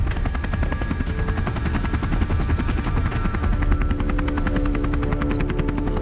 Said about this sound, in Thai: เฮ้ยเฮลิคอปเตอร์ขึ้นแล้ว